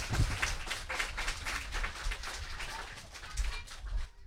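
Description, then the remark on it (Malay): A crowd claps steadily for several seconds to start the children's show Idola Anak, a dense patter of many hands with a few shouts and voices mixed in, moderately loud throughout. “Kalau sudah siap, ayo kita mulai Idola Anak dengan semua tepuk tangan yang paling meriah.”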